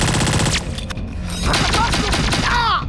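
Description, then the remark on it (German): Gunfire erupts in a loud, chaotic volley as one person shoots wildly, several sharp cracks in irregular succession over a dense, noisy backdrop, with warbling, whistle-like tones sweeping through near the end. “Was schießt du auch hier rum wie so ein Irrer, du Idiot?”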